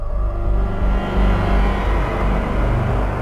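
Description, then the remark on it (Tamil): An ambulance engine rumbles, a steady low drone with slight surges, as the ambulance pulls up and stops in front of Sivanesan's house. No voices are heard. “அவர் சொல்ல வந்ததை சொல்லி முடிப்பதற்குள் வீர் வீர் என்று ஆம்புலன்ஸ் ஒலி எல்லாரின் செவிகளிலும் அபாய அறிவிப்பு செய்து சிவனேசன் வீட்டின் முன் வந்து நின்றது.”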